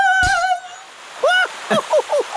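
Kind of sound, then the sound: household object, water gushing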